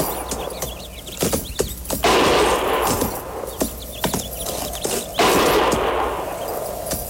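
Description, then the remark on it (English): Gunfire from a range of low-lying hills about a mile to the north cracks out in irregular volleys, sharp loud shots sometimes bunched into quick bursts, over a steady rushing background noise with no voices. “Didn't sound like no regular shooting.”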